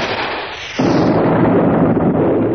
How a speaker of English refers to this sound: There's an explosion and a blinding flash. What's that noise?